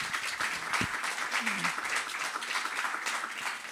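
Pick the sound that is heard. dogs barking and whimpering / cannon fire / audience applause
audience applause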